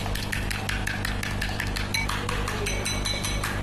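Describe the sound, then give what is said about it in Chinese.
Eggs being beaten in a bowl, to have strong brewed tea poured over them: a utensil clinks quickly and steadily against the sides, a continuous rhythmic tapping over a low background hum, with no one speaking. “对，现在就浓茶来冲这个刚好打好的蛋花的鸡蛋。”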